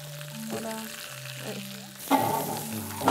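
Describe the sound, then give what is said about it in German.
Lamb sizzling uncovered on a grill, a steady crackling hiss that swells louder and busier partway through, with soft sustained tones humming underneath and no talking. “Und das legen wir jetzt wieder auf den Grill, dieses Mal ungedeckt.”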